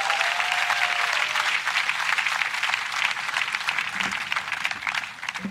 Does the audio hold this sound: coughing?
no